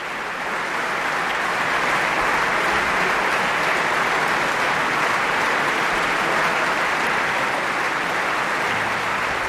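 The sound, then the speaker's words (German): Sustained applause from a large audience after a piano performance by pianist Juliana Avdjejeva, a dense, steady crackle of many hands clapping at constant loudness for the whole stretch, with no voices rising above it. “Das Publikum scheint jedenfalls sehr begeistert.”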